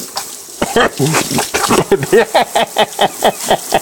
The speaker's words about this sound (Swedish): Och så här lät det i morse när han utsattes för waterboarding. Nu kommer vi över mun och näsa.